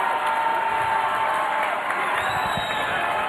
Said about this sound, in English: This crowd, they have come to cheer, and they love their ….